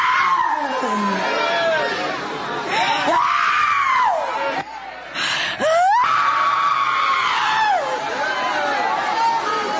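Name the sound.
person screaming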